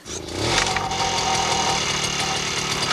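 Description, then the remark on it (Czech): The small engine of a grass-mowing machine catches and settles into a steady, loud running drone with a regular low chugging pulse as the machine is driven, no voices over it. “Já jedu a řídím strojek, který seče trávu.”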